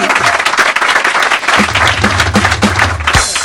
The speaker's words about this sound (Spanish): El aplauso para los borrachos.